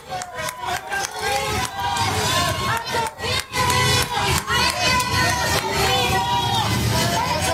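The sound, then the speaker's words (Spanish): A large crowd yells and jeers loudly, many voices overlapping in a continuous angry roar with brief dips between bursts of shouting, as people shout "murderer" at a Cadillac Escalade driving on Periférico Sur toward Estadio Azteca and paint on the car. “Le gritaron asesino cuando transitaba sobre Periférico Sur hacia el Estadio Azteca.”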